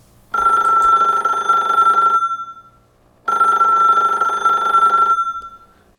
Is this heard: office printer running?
no